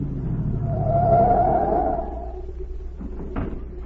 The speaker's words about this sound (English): A minute later, a car pulled up at the watchman's gate, and Agent Z stepped out.